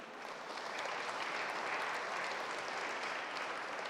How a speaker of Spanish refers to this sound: para quien también le damos un aplauso de felicitación.